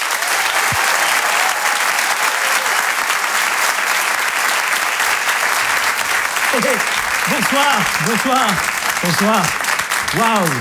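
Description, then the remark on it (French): Loud, sustained applause from a large comedy audience at the Open du Rire, welcoming comedian Laurent Barra, a dense steady clatter of clapping, with cheers and whoops rising over it in the later seconds. “Je vous demande un tonnerre d'applaudissements s'il vous plaît pour Laurent Barra.”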